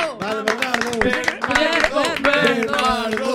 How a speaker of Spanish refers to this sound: O segundo suplente, por favor, forte aplauso si nos estás escoitando.